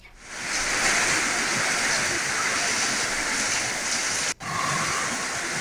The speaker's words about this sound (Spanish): se está presentando esta tormenta eléctrica en Bonito Oriental, en el departamento de Colón. Cuando estamos ahí necesitados de la lluvia ha llegado a Bonito Oriental, en el departamento de Colón. Así llueve en este preciso momento en Bonito Oriental.